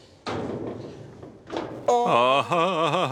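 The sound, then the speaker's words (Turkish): A stuck elevator door is forced open from inside with a loud, heavy thunk and rough scraping, followed by a second jolt and then a long, wavering groan that rings out loud. “Kapıyı açayım.”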